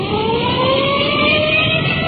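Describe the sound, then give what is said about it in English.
A police car siren winds up as the car rolls code 3 to a call, its steady tone climbing in pitch over a loud, constant rumble of engine and road noise, with no voices. “We've had in our siren, rolling code 3.”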